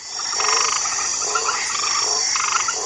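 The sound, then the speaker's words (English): Frogs croak in repeated raspy, steady bursts over a constant high-pitched chorus of insects or other frogs filling the background. “There is a species of frogs called the white tree frog from Australia, which has a kind of chemical in its skin that has been used in HIV experiments that's been shown to reduce HIV transmission to T cells.”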